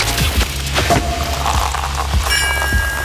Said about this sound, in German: ab nächster Woche dann gut zuhören, denn immer, wenn bei uns die Sektkorken knallen, so klingt's übrigens.